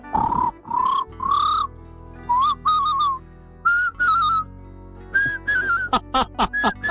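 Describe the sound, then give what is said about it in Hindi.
A person whistles an imitation of a common hawk-cuckoo call: clear, rising, repeated phrases that grow quicker and climb higher, ending in a burst of sharp, steep notes, with no talking. “अब ये पपीहे को अब कोई भी पहचान जाएगा अगर सुनेंगे तो इसको।”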